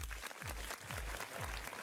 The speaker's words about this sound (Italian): è volato anche il primo party time di …. Facciamo un applauso.